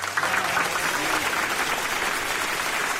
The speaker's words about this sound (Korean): 사람들은 박수갈채를 보냈다.